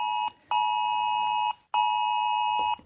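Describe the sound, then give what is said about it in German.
A loud, piercing smartphone emergency alert tone from Germany's nationwide warning day test alarm, sent by the Federal Office for Disaster Protection, sounds in long steady bursts, three pulses separated by brief gaps, harsh and insistent, with no voices. “Das Bundesamt für Katastrophenschutz sendet um 11 Uhr einen Alarm direkt auf euer Smartphone.”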